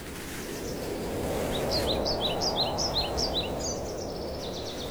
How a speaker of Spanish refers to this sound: Los pájaros cantan desde lo alto y el sol se asoma entre las hojas, dejando pequeños rayos de luz sobre el suelo.